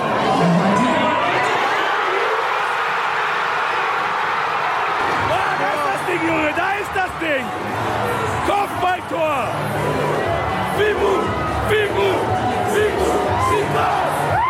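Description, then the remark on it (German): A large crowd of about 500 football fans roars in celebration of an equalizing goal shortly before half-time, with rising and falling shouts, whoops and chant-like voices layered over a dense wall of cheering that stays loud throughout. “Ausgleich! Und was jetzt folgt, ist pure Ekstase.”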